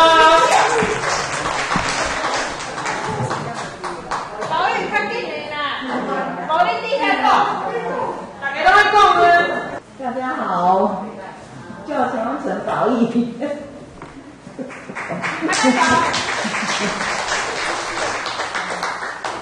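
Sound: hand clapping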